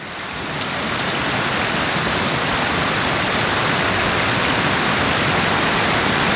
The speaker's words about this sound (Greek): Ο Βοηδωμάτης κυλά ήρεμος και διάφανος, με νερά που μοιάζουν γυάλινα.